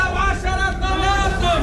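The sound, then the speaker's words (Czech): Loud, sustained calls from market vegetable stall vendors hawking their produce, such as apricots or onions, to people walking past, voices stretched into drawn-out cries over a busy, murmuring background of a crowd. “Stánkaři se zeleninou halekají na kolem jdoucí, jakoby nebylo vidět, že prodávají meruňky nebo cibuli.”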